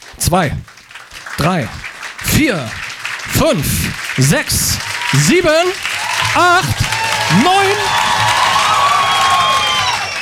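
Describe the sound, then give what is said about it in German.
An audience at the second Jahreszeiten Poetry Slam claps in a warm-up, starting sparse and steadily swelling into dense, loud applause with some cheering, while a voice counts upward from one to nine over it, step by step. “Jetzt sind alle warm geklatscht und es geht los mit den Vorträgen der Poetry Slammer.”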